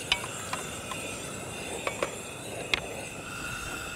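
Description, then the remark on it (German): Water is poured into a sizzling pot of pumpkin for soup, making a steady, even hiss throughout, with a few sharp clicks and clinks scattered over it. No one speaks. “Packen wir das Wasser drauf.”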